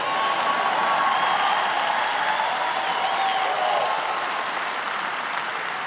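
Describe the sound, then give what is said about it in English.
An audience in church claps together in a steady, dense wash of applause that holds at an even level for about six seconds, with faint cheering or whistles threaded through it and no speech. “Obviously, we have control over ourselves, but there's not one thing wrong with clapping and lifting your hands and jumping up and down a little bit and acting like you might maybe be enjoying being in church.”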